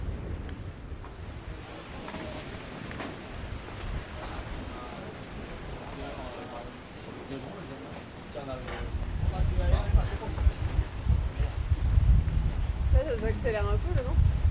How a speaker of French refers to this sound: Ça accélère un peu le vent. Ouais, ça va rentrer tout le vent là, c'est bien. Ouais. De toute façon, dès qu'on va vers le Finistère, il y a plus de vent.